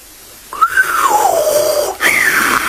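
A genie whistles a clear, fairly loud whistle: a rising note that glides slowly downward for over a second, followed by a second short rising whistle, with no talking.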